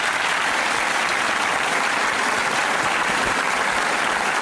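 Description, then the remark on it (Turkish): Steady, dense applause from an audience fills the whole stretch, many hands clapping at once in a continuous loud wash with no voices standing out. “Teşekkür ederiz. Alkışlarımıza tamam.”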